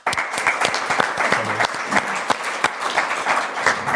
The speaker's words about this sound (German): Ihr Applaus.